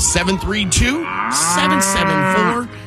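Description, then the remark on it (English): A cow on a farm moos loudly, starting with a few short, wavering bellows that swell into one long, drawn-out moo, with no people talking. “The farm comes alive right now, ladies and gentlemen.”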